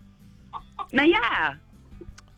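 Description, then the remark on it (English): A rooster in a chicken yard clucks: a couple of short soft clucks, then a loud, drawn-out squawking call lasting about half a second, followed by a faint low cluck over quiet background noise. “You name your roosters, you got Starsky and Hutch?”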